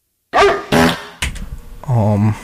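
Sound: dog bark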